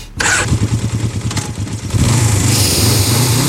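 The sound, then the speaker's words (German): A motorcycle engine fires up and chugs with a rapid low pulsing idle, then revs up louder and steadier, a deep throaty rumble with rising mechanical whine and no voices. “Oh, dieser Duft, dieser Klang.”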